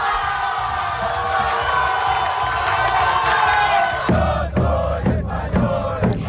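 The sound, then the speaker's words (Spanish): A large crowd of football fans cheers and roars continuously in a main public square in Castilla y León, Spain, at night, watching Spain beat France on giant screens at the final whistle. A dense wash of shouting voices; after a few seconds, low rhythmic thumps and bursts break through the din. “Somos finalistas y con el pitido final y esos dos goles se desataba la emoción y la euforia.”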